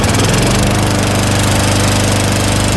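A lawn mower is left running against a garden fence for nearly an hour without mowing, a steady, loud, continuous rattling drone with a pulsing low-end chug and no other sounds.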